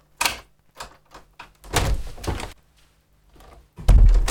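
A door is worked open wide: a few sharp latch clicks and knocks, a longer scraping swing, then a heavy, booming thud as it comes to rest.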